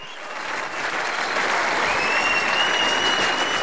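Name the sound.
concert audience applause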